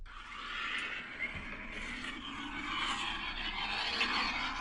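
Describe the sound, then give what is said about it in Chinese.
A loud, steady roar fills a car cabin, sounding much like a jet taking off, with a hissing, whining edge that holds continuously for the whole stretch and no talking. “飞机起飞般的声响， 不是飞机起飞，是飞机飞令吗？ 还是啸叫？”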